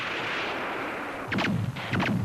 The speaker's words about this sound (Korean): 문득 총소리가 멎었다. 기관총 소리도 멎었다.